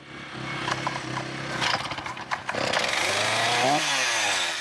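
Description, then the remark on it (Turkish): A chainsaw roars steadily as it cuts down a tall, roughly 10-ton tree that threatens a hay pasture, its engine pitch rising and dropping under load, loud throughout with no one speaking. “Büyük bir ağaç ve testereyle ilgili olan her konuda durum böyle.”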